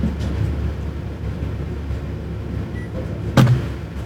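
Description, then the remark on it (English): Over a steady low rumble, an insulated studio engineering door, brought over from an old studio, slides and shuts with one solid thud near the end. No one speaks. “I love that you guys brought the engineering door with you.”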